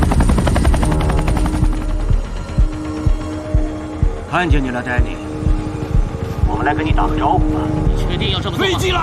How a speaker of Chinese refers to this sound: 飞机来了！